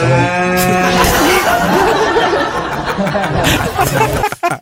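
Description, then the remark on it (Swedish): A loud, drawn-out cow moo opens, its harmonic bellow lasting about a second, followed by a busy stretch of chatter and laughter-like noise from several voices. “En svartsjuk ko helt enkelt.”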